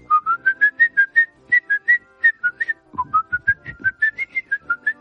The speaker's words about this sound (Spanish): Pero al final el silbido es uno de los más icónicos, ¿no? Es lo mismo que si alguien se pusiera a silbar dentro del mundo del cine cosas como...